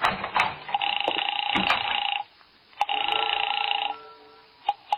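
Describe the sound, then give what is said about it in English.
A telephone rings in two long, loud bursts separated by a short pause, its bright, steady bell tone ringing out, with a few sharp clicks at the end. “It's ringing now.”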